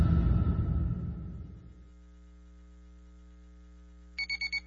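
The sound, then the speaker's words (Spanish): An alarm clock sounds four quick, evenly spaced electronic beeps at the end, after a noisy burst fades into a low steady hum. No one speaks. “Ay, no me quiero levantar. Ay, cómo odio los lunes. Pero qué buena alarma tengo.”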